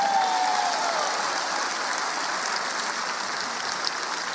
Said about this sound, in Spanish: Y si tú lo crees, dale un aplauso al Señor.